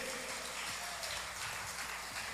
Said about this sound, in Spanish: Si puede, un aplauso bien fuerte.